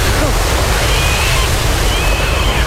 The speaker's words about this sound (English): What's that? What? I hear something. It sounds like a wave.